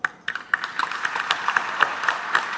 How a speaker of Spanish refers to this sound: yo les quiero brindar un reconocimiento y un aplauso.